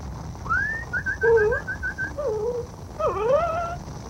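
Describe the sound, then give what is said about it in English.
A dog whimpers: a rising whine, a quick run of short high yelps, then wavering, falling whines over a low background rumble, with no talking. “Here, doggy. Here.”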